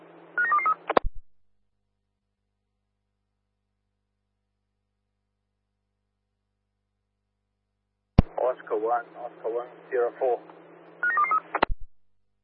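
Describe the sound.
Quick bursts of electronic keypad-style beeps open and close a crackly radio transmission, with a muffled voice talking between them after a long stretch of silence.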